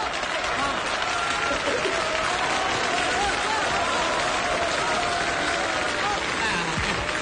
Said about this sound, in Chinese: 知道大家为什么鼓掌吗？